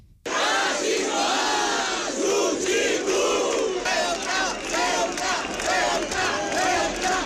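A large protest crowd in Donostia shouts and chants continuously, many overlapping voices rising and falling in loud rhythmic bursts for several seconds without pause, with crossed shouts, some in favour of Ceuta, others against racism and fascism.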